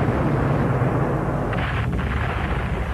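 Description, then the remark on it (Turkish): A dense, continuous barrage of cannon fire in the bay of Djerba, keeping Admiral Doria's crusader fleet from approaching the island. The booms blend into a loud, rolling rumble with no pauses and no voices. “Yine top ateşine başladılar Amiral Doria.”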